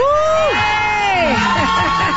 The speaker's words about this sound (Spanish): Así que, pues si me ayudan, ¿qué les parece si le damos un fuerte aplauso y la más cordial bienvenida a Yuri?